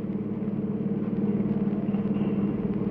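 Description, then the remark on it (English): A car drives down 6th Avenue near Radio City, its engine giving off a steady low rumble that holds even throughout, with no voices over it. “I got hold of a car, see, and I was driving down 6th Avenue over near Radio City.”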